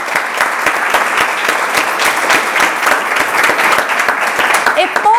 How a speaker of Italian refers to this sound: facciamo un applauso. Grazie, grazie.